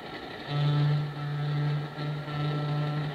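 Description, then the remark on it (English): A low, steady streamliner train horn sounds in three long, nearly joined blasts over a rumbling engine, loud, as the train speeds across the country. “Hear that streamliner hoot out hello as she speeds across the country?”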